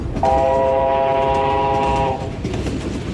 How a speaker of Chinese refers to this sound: 火车一声鸣叫，钻进了山洞，车厢里立刻变得漆黑。